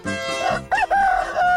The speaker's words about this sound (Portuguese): Galo véi cantou, a hora chegou, são 4h35.